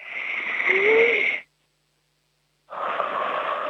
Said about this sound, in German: Weißt du was? Wir atmen jetzt nochmal gemeinsam kräftig durch.